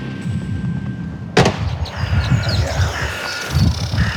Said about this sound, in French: Ici, les cérémonies d'obsèques se suivent les unes après les autres, au rythme des coups de feu tirés en l'air, selon la tradition militaire.